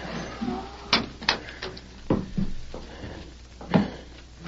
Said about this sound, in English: Then on the wooden porch sounded soft footfalls and the faint but unmistakable thump of a wooden leg.